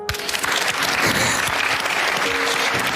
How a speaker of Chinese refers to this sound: 谢谢，再一次掌声感谢吴一泽来到我们的现场，和我们分享了00后的斯诺克世锦赛世界冠军他的内心。再次用掌声祝愿他取得更多好的成绩。